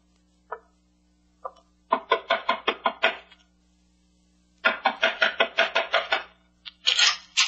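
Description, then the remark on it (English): Two single knocks, then a rapid run of sharp raps on a door, a pause, and a second burst of hard, insistent knocking, loud with no voices. “Knock on the door, Shannon. This gun says knock.”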